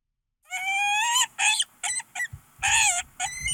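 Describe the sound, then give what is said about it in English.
A peregrine falcon calls loudly on its own: a long, harsh, high wailing cry followed by a quick series of shorter, rasping bursts of similar pitch. “You want to hear what a peregrine falcon sounds like?”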